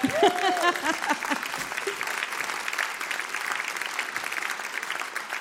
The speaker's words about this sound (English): Round of applause. That wasn't big enough. Round of applause.